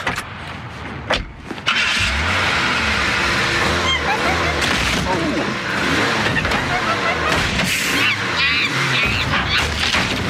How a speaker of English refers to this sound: The noise without the monkey sounds is cars crashing into one another.